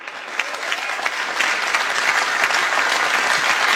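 Steady applause from a crowd following a set of dessert jokes. Many hands clap in a dense crackle at an even, fairly loud level throughout, with no voices standing out.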